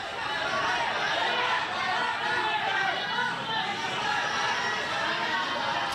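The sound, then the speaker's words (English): A dense crowd of people chanting and shouting together in Indonesia as Dadan Hindayana, sacked head of the National Nutrition Agency, is escorted in handcuffs from the Attorney General's office. It is a loud, steady wash of many overlapping voices with no break for the whole stretch. “Amid crowds of chanting people, Mr. Dadan was escorted from the Attorney General's office in handcuffs and a bright pink so-called arrest vest.”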